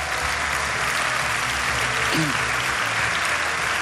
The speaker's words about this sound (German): Gebt mal einen großen Applaus bitte an alle Regensburger. Wir freuen uns auf euch.